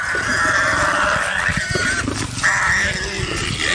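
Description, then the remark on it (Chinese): A warthog squeals loudly and continuously while being attacked and eaten by three lions, with harsh, high-pitched cries rising and falling over a jumble of rough grunting and scuffling, and no talking. “不管油猪怎么顽强抵抗，也摆脱不了被吃掉的结局。”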